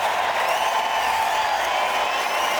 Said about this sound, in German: Vielen, vielen Dank. Das ist euer Applaus, liebe Hanse-Mädchen.